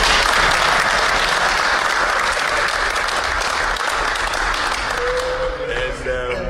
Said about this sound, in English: And clap for me.